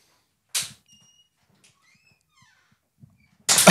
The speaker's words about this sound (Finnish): Kuunnellaan vielä, kun ovi käy.